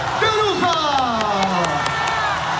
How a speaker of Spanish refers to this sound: La gente aplaude, algunos están diciendo las bailarinas, las voces, los músicos. Todos, por supuesto.